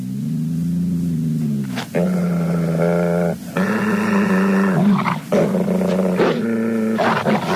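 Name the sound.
wolf dog growling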